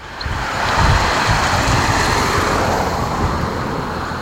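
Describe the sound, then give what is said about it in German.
Steady, blustery wind roars across an open outdoor space in Oberplötz, Plötz, near the end of the long district road toward Kösseln, on a mild, sunny Monday evening, 15 June, with low rumbling gusts buffeting the microphone and a faint wash of road noise underneath. No one speaks. “Ein milder, windiger, fast frischer Montagabend hier, der 15. Juni.”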